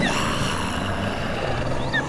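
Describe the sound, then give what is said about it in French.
A saber-toothed cat, a huge brown-furred predator with oversized teeth, growls in a low, continuous rumble that stays steady for the whole stretch, crouched in bushes on top of a hill in what is today California, over 20,000 years ago, with a couple of faint bird chirps high in the background. “Et je crois bien que nous allons croiser un immense prédateur, avec des dents démesurées, une carrure imposante, un pelage brun, le tigre à dents de sabre.”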